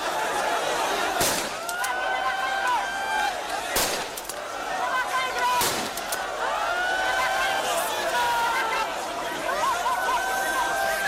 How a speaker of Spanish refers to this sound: Son los disparos al aire que lanzaba la policía para frenar la avalancha durante ese agitado traslado de migrantes.